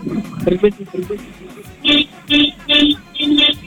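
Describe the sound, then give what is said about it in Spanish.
Brief talk, then a contestant, asked to in a contest, honks his car horn four times in a steady rhythm, each blast loud, brassy and about a third of a second long, with short even gaps between them. “Gordito, te vamos a pedir que toques tu claxon. Tu claxon. Tu claxon del auto.”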